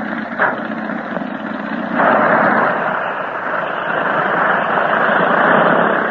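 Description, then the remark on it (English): A propeller plane's engines roar steadily as it departs, a broad rumbling drone that surges louder after a couple of seconds and holds at full power, with no voices. “There he goes. So long, Tinker. See you soon. And now, how's about getting to our own plane”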